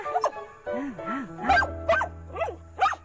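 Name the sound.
dog growling and barking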